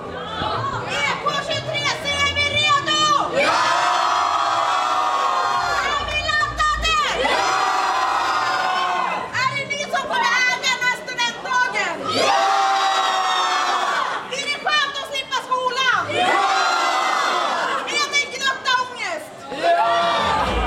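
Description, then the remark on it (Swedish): A crowd of students jumps, cheers and shrieks in loud, excited bursts at the Vargentinskolan student graduation celebration, two minutes before their class runs out, rising in repeated waves with brief dips between, high-pitched voices overlapping throughout the twenty seconds. “Så nu hoppar de och tjoar och kimmar.”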